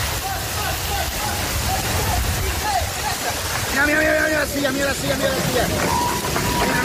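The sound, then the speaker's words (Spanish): Steady, dense rush of heavy rain pouring down all day in the Valencian Community, Spain, loud and continuous throughout, with faint voices briefly audible beneath the downpour midway. “Como la que ha estado cayendo todo el día en la Comunidad Valenciana y que se espera a lo largo de hoy en el País Vasco, en Cantabria, en Cataluña y en las Islas Baleares.”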